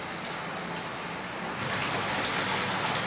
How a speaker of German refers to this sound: Und jetzt lasse ich noch mehr Wasser zulaufen.